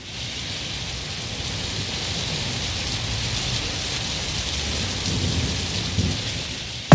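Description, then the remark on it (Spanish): Steady, heavy rain falls continuously in Salinas, Talcahuano, for the whole stretch, a dense hiss with a low rumbling underneath and no voices. “Talcahuano, Salinas, lloviendo.”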